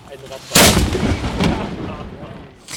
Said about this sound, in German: War das Ganze doch für die Vereinsmitglieder das allererste Mal, ihre Kanone auf dem Kanonsberg zum Singen zu bringen. Nun, was die Schützengesellschaft Concordia nicht durfte, wir dürfen's. Und zwar ganz ohne Verkehrsstau. Gebt Feuer!